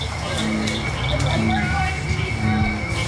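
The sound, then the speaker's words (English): A dense night chorus of cricket frogs, bullfrogs and bird-voiced tree frogs on a frog walk fills the air: steady overlapping trills and clicks, brief whistle-like calls above, and deep repeated croaks underneath, all loud and continuous throughout. “Cricket frogs, bullfrogs, and even the bird-voiced tree frog all add their songs to a growing chorus.”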